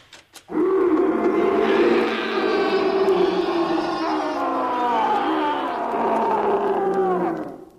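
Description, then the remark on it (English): A tiger roars and growls loudly, one long unbroken snarling bellow that wavers in pitch for about seven seconds before cutting off, with no talking. “Now, the first thing to do when you're being stalked by an ugly mob with red currants is to release the tiger.”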